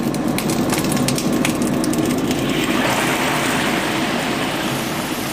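Carp frying in clear oil heated to 70 degrees in a pot, slid in one by one along the pot's edge, for carp stewed with tofu, gives a loud, steady sizzle with dense crackling and popping throughout, busier and sharper in the first few seconds before settling into an even hiss.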